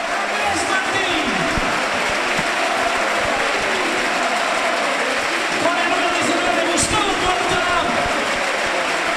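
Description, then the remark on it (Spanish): A large football crowd at El Sardinero stadium applauds a player being substituted off, steadily for several seconds, a dense, even roar of clapping mixed with crowd noise and scattered shouts, with no break in volume throughout. “Fermín, vamos a escuchar cómo despide el sardinero a un hombre que igual está ante su última vez.”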